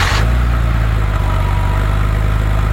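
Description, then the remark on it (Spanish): A powerful car's engine catches with a brief burst, then settles into a loud, steady, throbbing low rumble, with no voices. “Auto con potencia. Ese auto partiendo.”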